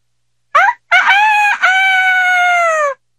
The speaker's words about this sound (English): But in the morning, the cockerel of the potter's child began to crow.